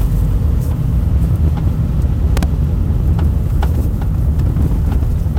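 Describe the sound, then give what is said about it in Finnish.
Steady low road rumble from a moving car, broken by a series of sharp, irregular knocks and clunks from the rear axle, several in quick succession around the middle, as the car is driven over bumps. “Toi nakutus tossa noin.”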